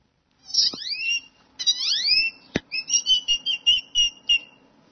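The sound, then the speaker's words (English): A person imitates a great-tailed grackle call: two shrill, rising whistled sweeps, a sharp click, then a quick run of about eight high, squeaky repeated notes, with no talking. “When I was 4 years old at the zoo, I started mimicking this great toad grackle that was bothering my sister.”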